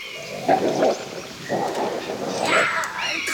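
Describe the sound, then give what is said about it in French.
Low, rumbling growls from two wolves in a forest come in three throaty bursts, fairly loud, as the animals snarl at each other with a tense, rising edge before a fight. “Oh, Mazette, des loups! L'affrontement de deux fauves se prépare.”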